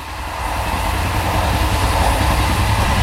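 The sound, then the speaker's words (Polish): A train rolls steadily along the rails, a loud, continuous rumble with heavy low-end vibration and a faint rhythmic clatter, with no voices. “Napiszcie nam swoje wspomnienia, skojarzenia albo krótką historię związaną z podróżą koleją.”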